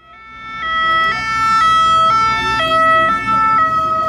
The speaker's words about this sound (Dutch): je hoort het misschien al aan de sirenes. We zitten al in de buurt van Alpes d'Huez. En hier op dit eigenste moment gaan agenten nog wat fietsers proberen tegenhouden.